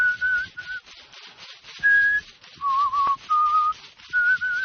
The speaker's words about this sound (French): L'homme siffle.